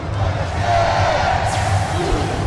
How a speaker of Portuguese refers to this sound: A massa tá gritando bastante. Você ouviu o sinal aí junto com a massa.